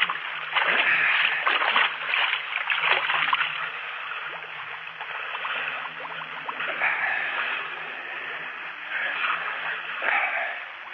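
Continuous splashing and sloshing of sea water, with repeated bursts of sharper splashes over a steady watery wash and no voices, in a drama scene of people struggling in the sea.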